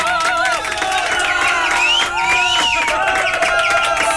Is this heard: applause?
yes